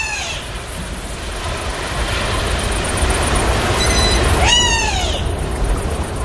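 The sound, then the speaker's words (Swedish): A wader calls with clear, downward-slurring whistled notes, one at the start and a louder cluster near the end, over a steady rumbling noise that fills the whole recording. “Det är nog en vadare som ropar där.”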